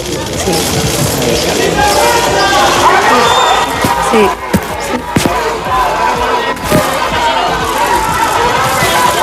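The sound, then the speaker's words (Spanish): A dense, restless crowd outside the Audiencia Nacional one morning, where former president Zapatero is testifying, fills the air with overlapping voices and occasional shouts such as "sinvergüenza", steady and loud throughout, punctuated by a few sharp thuds and bangs midway, amid heavy police and media presence. “Hay una gran expectación mediática, tanto de medios nacionales como internacionales, numerosa presencia policial y se ha podido escuchar algún grito de sinvergüenza.”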